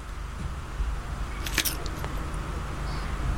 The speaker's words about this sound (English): That was a crunching bit. The initial crack is quite important, I suppose. The initial crack.